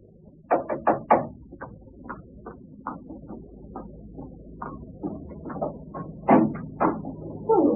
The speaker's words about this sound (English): Next morning, I was having breakfast when I heard the postman knock at the door.